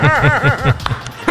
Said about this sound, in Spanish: Date quieto, perrito. Dejen la bulla, señores.